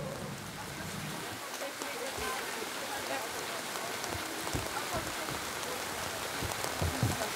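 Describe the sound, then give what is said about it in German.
Steady rain falls on a green garden during a summer garden party, pattering down across the whole stretch, a dense hiss of drops hitting surfaces with occasional sharper taps, moderately loud. “Warum regnet es jetzt?”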